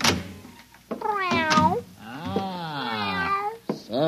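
A cat meows twice, fairly loud: a short wavering cry followed by a longer, drawn-out meow. Faint knocks come just before and after.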